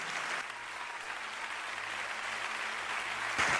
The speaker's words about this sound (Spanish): ¿Alguien puede alabar a Dios? Vamos, dele fuerte el aplauso a Dios.